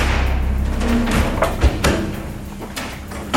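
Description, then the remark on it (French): A heavy armored steel door weighing several tons, with hinges 20 by 10 cm, swings shut with a deep thud and a few sharp metallic knocks, leaving the inside entirely surrounded by metal, echoing against a steady background rumble. “Donc les portes sont blindées et lorsque les portes sont fermées, on est entièrement entouré de métal.”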